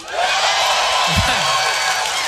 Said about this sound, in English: You guys are pumped up because you're clapping because you had so much to do with that.